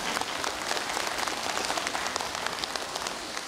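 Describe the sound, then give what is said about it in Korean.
Dense, sustained applause from an audience for the monks at a Buddhist temple association gathering, a steady wash of many hands clapping without pause for several seconds, with no voices over it. “우리 스님들께 큰 박수 한번 부탁드리겠습니다.”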